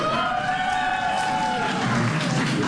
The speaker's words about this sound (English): A little survey by a round of applause. How many plan on partying all night long tonight by a round of applause?